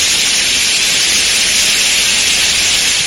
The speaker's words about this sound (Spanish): Así llovió ayer en Ocón, abundantes precipitaciones que han dejado especiales incidencias en Nalda, con el desalojo de 11 personas de sus viviendas, y en Villa Mediana, donde se ha derrumbado una nueva bodega.